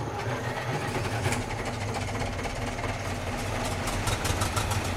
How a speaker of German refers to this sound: Aber die sind doch gar nicht richtig gefahren. Das war doch nur ein Konzert. Ein hochmodernes Konzert für 12 Traktoren übrigens. Open Air.